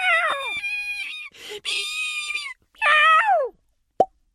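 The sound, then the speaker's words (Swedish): Several high, wavering squeals and cries from a crying seed slide downward in pitch, then a brief silence before one short, crisp plop rings out on its own near the end as the seed shuts itself back inside its nut. “Plopp! Fröet stängde in sig i nöten igen.”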